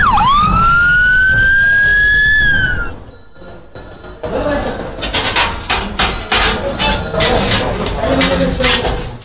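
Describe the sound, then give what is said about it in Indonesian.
A loud ambulance siren wails with a rising tone for a few seconds, then cuts off into a burst of clattering, bustling noise. “Panggil ambulan, cepet.”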